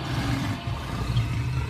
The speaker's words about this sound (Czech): Slonov smeh se raspršio poput konfeta u cirkuskoj tami.